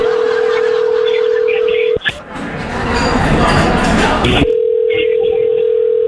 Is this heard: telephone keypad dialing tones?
yes